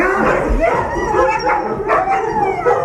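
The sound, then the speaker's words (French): A pack of sled dogs barks, yips and howls excitedly all at once as people come to greet them, a dense, continuous chorus of overlapping voices, loud throughout. “Ah mais il démarre au quart de tour, hein. Ah bah complètement. Je comprends pourquoi tu voulais pas de voisins, en fait.”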